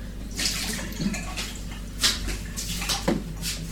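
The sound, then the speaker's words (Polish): Running water splashes steadily, with brief louder sloshes and clinks about once a second as something is rinsed under the stream for a second time. “Dobrze, teraz drugi raz będę płukać.”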